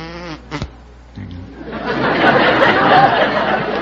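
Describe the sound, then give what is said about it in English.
A brief, low buzzing hum made by a human voice imitating a bumblebee, cut off by a sharp smack as the imitator pretends to kill the bee, followed by a swelling wash of crowd laughter and chatter. “Yes, I can do a bumblebee.”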